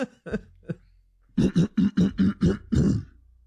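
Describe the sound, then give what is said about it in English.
A few short throat-clearing sounds, then a quick run of about seven loud, rhythmic, voiced throat clearings, exaggerated, with no talking. “Let me clear my throat.”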